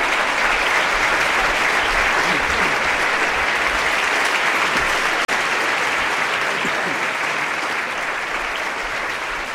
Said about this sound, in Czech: Aplaus.